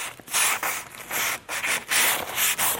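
Hand sanding of a wooden stepladder with sandpaper as its final finish, by a 20-year-old Swiss carpenter training for the world championships in China: a steady series of raspy, hissing back-and-forth strokes, about six or seven in quick rhythm, with short pauses between. No one speaks.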